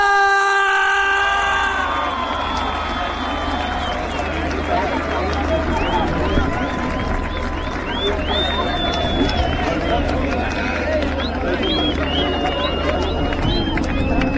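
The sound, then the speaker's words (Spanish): A voice calls out briefly, then a show audience in Argentina breaks into loud, sustained applause for an invited singer, dense clapping with scattered whistles and cheers that carries steadily to the end. “¡Fuerte el aplauso”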